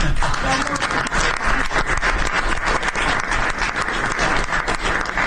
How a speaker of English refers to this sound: That was the press that broke out in applause. Can you believe that? I've never seen that happen before. The press actually broke out in applause.